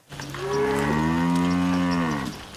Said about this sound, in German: treiben ihre Kühe auf die Weide.